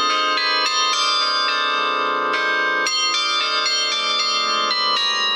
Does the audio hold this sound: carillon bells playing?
yes